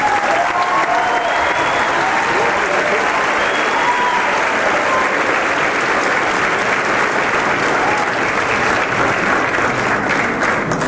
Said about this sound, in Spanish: Yo quisiera que lo recibamos con un fuerte aplauso.